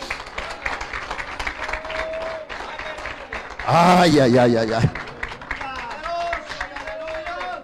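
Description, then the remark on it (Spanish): A crowd applauds God with dense, steady clapping that runs the whole time, while a voice lets out a loud, drawn-out cry partway through and other voices call out over the clapping. “¡Ah, dale un aplauso al Eterno!”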